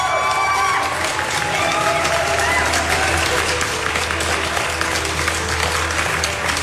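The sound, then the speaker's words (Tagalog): Sustained applause from a crowd, a dense, steady wash of clapping that holds at an even loudness for several seconds, with voices and cheering mixed in underneath. “Palakpak, galit na pat.”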